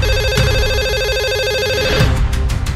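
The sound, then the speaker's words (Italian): A telephone rings loudly with a steady, warbling electronic trill that lasts about two seconds, then breaks off into a brief jumble of other noise. “Abbiamo un'altra telefonata, pronto?”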